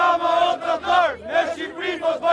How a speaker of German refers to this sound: Edi Rama, du Verräter, Albanien ist keine Handelsware, skandieren die Demonstranten.